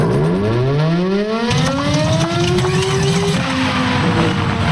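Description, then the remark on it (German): A loud mechanical siren winds up from a low growl to a rising wail, then loses power and sags downward as it dies out, with a rumbling background throughout. “Mensch, kaum läuft die Sirene mal, gibt sie direkt den Geist auf.”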